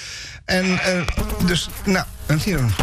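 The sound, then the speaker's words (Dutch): A loud buzzing of a fly, named as a mayfly, comes in several uneven bursts with rising and falling pitch, its strongly voice-like tone suggesting someone imitating the buzz. “een vlieg. Oh, het is die eendagsvlieg van straks.”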